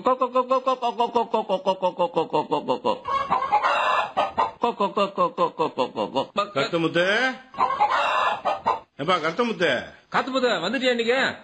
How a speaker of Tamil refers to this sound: என்னப்பா காலையில உட்காந்துட்டு என்ன கோழிக்கெல்லாம் என்ன தீவனம் போட்டு வருகிறியா? ஆமாம்பா, கம்பு கேழ்வரகு போட்டுங்கிறான். எப்பா நாட்டு கோழி தானா வளரும், அதுக்கு எதுக்குப்பா தீவனம் போடுற?